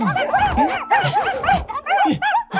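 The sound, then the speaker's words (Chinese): A small white stray dog, found on a lawn in a residential neighborhood, yaps and yips in a rapid, continuous string of high-pitched barks, fairly loud, with no talking over it. “我又在草坪里找到了一只小白狗。”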